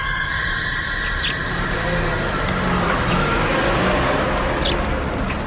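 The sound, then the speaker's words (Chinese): A canteen supply truck drives past from the opposite direction, its engine a steady low rumble with road noise and a faint whine. The sound stays loud and even throughout, and no one speaks. “一辆卡车迎面开过来，错了过去。”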